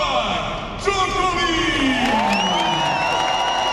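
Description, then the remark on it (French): A large tennis crowd in the packed stands of Court Philippe-Chatrier roars and cheers continuously as Novak Djokovic walks onto the court for a practice session during qualifying week. Loud shouts and rising and falling whoops cut through the dense wall of voices for the whole stretch. “Dans les tribunes bien garnies du Philippe Châtrier, le public rugit dès l'entrée sur le court d'un seul homme.”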